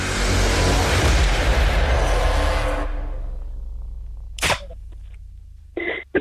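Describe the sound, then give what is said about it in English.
A loud, rushing roar of a car passing, fading away after a few seconds, followed by a couple of brief knocks and rustles. “Oh, the car's going past.”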